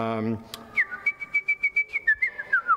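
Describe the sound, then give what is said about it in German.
Someone whistles a lively melody, a clear bright tone moving through quick, rhythmic repeated notes and small leaps, after a brief spoken sound at the start. “Der kleine Vogel, den Mozart hatte, der hat immer das Rondo-Thema gepfiffen.”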